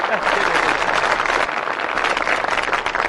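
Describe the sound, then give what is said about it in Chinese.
An audience at a crosstalk (xiangsheng) performance claps steadily for about three seconds after the performer asks for applause, a dense, even wash of many hands at a fairly loud, constant level, with no clear pauses or individual claps standing out. “您说像您这么没皮没脸的，跟观众直接要掌声，观众好意思不给你鼓吗？”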